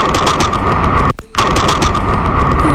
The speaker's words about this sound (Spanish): Una cámara de seguridad de Nueva York captó el momento en el que un señor va caminando y de repente, pues a la mitad de una tormenta eléctrica, le cae un rayo.